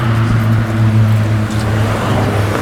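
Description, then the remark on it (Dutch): A car engine hums steadily with a low, droning rumble and road noise, holding a fairly constant loudness for a few seconds with no voices. “Dat zou wel mooi het einde van een mooie uitzending zijn, hè? Ja, onder de auto.”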